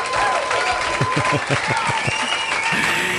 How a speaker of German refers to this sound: Ja, ein Applaus für dich!